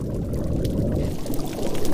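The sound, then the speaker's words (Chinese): Parrotfish biting hard coral underwater on a coral reef: a steady low watery rumble with scattered sharp crunching clicks, growing into louder, irregular bursts of scraping bites toward the end. No voices. “鹰嘴鱼啃咬坚硬珊瑚的声音时常回荡在珊瑚礁间。”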